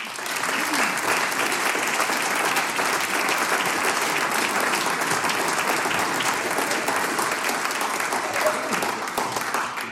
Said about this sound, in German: Danke fürs Dabeisein. Ein Applaus für euch.